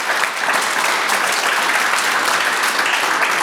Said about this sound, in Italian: Allora ci vuole un applauso per questa neve.